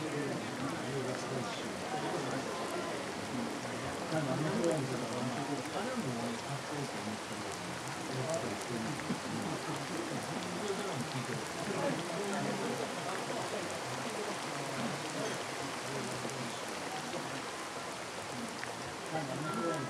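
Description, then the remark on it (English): Steady rain falls continuously, a dense, even hiss of drops on surfaces that holds at the same full level throughout, with a voice speaking faintly beneath it. “And never to have had to listen to rain, so much like politicians' speeches.”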